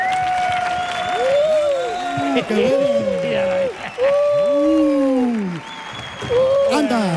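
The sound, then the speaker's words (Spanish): A live audience applauds loudly and steadily for several seconds as a speaker is introduced to present a talk, the clapping mixed with rising and falling whoops and cheers from the crowd, sustained throughout with only brief dips. “Fuerte el aplauso”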